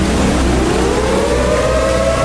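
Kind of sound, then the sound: signal or alarm, warning siren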